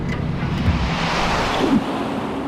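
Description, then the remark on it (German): A steady, loud rush of wind-like noise, a wind current in a time tunnel, fills the whole stretch, broad and roaring with a low rumble underneath and slight swells in intensity, no voices present. “Das war der Eingang zum Zeitkanal. Ein Windstrom nahm uns mit.”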